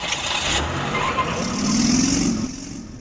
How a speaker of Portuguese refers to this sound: Lemos TV, para todo mundo ver a cidade de Codó, o trânsito de Codó. É, aqui você está vendo, nós estamos acompanhando como é que flui o trânsito, principalmente no horário de pico.